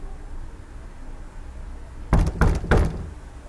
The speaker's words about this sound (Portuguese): Entre as 6 e as 11 da manhã, acorda várias vezes, sempre com a porta do quarto vizinho a abrir e a fechar.